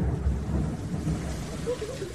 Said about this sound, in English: Look at those chunky raindrops that were falling in Texas. This was also on Saturday, a little bit earlier in the day. We have more of those downpours in Texas, too, with rumbles of thunder in the background. Take a listen to it.